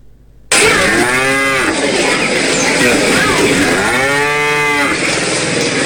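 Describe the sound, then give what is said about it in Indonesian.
Two long, loud moos from a dairy cow in Central Java, Indonesia, one near the start and another later, set against a steady, noisy background with no clear talking. “Peternak sapi Sapi perah didorong untuk memanfaatkan pakan fermentasi atau silase guna menyiasati pakan hijau ternak yang rawan terdampak musim kemarau.”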